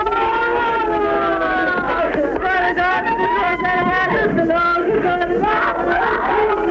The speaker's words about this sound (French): Des cris de femmes, des scènes de désespoir, les prières d'une foule accrochée, agglutinée au gris du charbonnage.